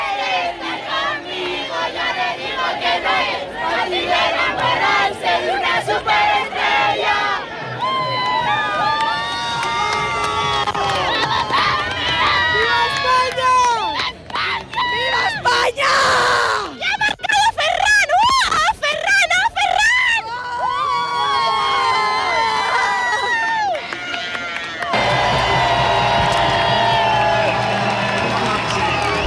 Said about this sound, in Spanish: Explosión de júbilo, ya ven ustedes cómo sonaba ayer la Plaza Roja, pues llena de compostelanos, de aficionados.